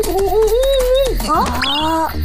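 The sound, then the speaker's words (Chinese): A person imitates a wolf howl to try to lure a wolf out, with one long, loud voiced wail that holds a steady pitch, dips briefly, then slides upward before cutting off. “你刚才在嚎叫。 我想学嚎叫，看看能否将狼引出来。”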